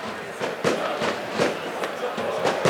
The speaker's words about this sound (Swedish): Man hör också fyrverkerismällar. Jag tänker ni hör dem i bakgrunden, va?